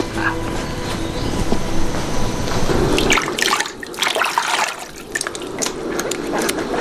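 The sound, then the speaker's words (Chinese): Water is poured into a cup for someone to drink, a steady splashing trickle following a few seconds of broad, rushing noise. It is fairly loud, with no voices. “嗯，我给你倒水。”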